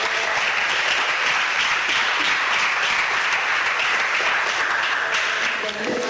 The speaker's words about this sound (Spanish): De un aplauso al Señor esta tarde.